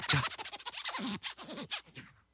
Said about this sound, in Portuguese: Que o som do scratch era parecido com o do zíper da minha blusa.